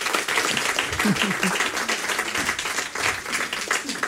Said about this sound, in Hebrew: אני חושבת שמגיע מחיאות כפיים על המשפט הזה, נכון?